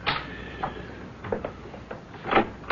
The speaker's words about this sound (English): Just a minute. Someone seems to be knocking on the door. I haven't the faintest notion who it might be, but I shall find out.